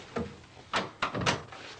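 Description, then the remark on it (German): A door is pushed shut with a few quick, solid clunks in close succession, moderately loud, with no voices. “Mach gefälligst die Tür zu.”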